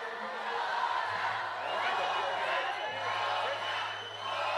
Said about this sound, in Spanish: ¡Una más! Grita la gente.